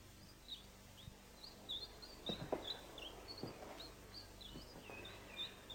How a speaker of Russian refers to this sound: Да, он построил здесь эту клетку и напустил в нее синиц.